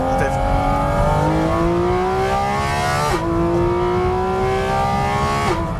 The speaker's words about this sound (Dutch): Maar los van het uiterlijk is natuurlijk dit is het. Dat geluid, die motor die zoveel toeren mag draaien, die zo puur rauw en eerlijk is. Ja, rauw is niet het goede woord. Heftig. Heftig, maar toch ook verfijnd.